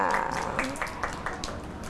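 A small group claps hands in quick, uneven bursts for a child, the sharp claps steady and fairly loud, with a brief voice murmuring underneath.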